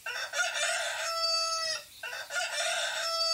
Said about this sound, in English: Up on the roof, the rooster crowed.